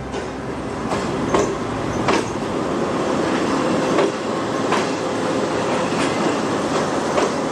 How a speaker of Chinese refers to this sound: 113年后，京张高铁上的复兴号从它那标志性的人字形轨道呼啸而过。